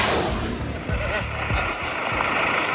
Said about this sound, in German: Das ist das Geräusch, wenn der Traktor aufs Feld rollt, um die Kürbisse vom Feld zu holen.